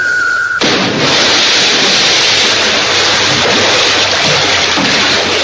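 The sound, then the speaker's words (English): A brief high tone cuts off into a sudden, loud splash as the Winged Warrior, having leapt from a 14-story tower, plunges into the ocean, followed by several seconds of steady, roaring churn like heavy surf or a waterfall, dense. “And plunges immediately into the ocean below.”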